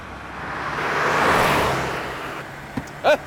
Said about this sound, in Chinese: 哎，你稳着点啊，踩刹车呀！干嘛呢你？ 刘文一，你不踩刹车吗你啊？拐弯你不踩刹车？